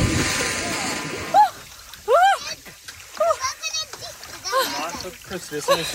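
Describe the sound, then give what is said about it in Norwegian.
Water splashes, then a woman lets out a series of short, high-pitched shrieks and yelps as she goes into the cold sea in Østfold, with sloshing water and other voices in the background. “Først støtskrik, så backupskrik, hvileskrik.”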